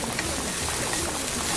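Water pours steadily into a blender jar holding evaporated milk, shrimp consommé and garlic, to be blended; a continuous splashing rush that stays even in loudness for the whole moment, with no talking over it.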